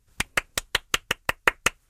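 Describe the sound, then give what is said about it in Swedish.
Applause from what sounds like a single pair of hands: about nine crisp, evenly spaced claps in quick steady rhythm, fairly loud, with no talking, given for bubbling fine B-bubbles. “applåder för Bubbel som bubblade så fina B-bubblor.”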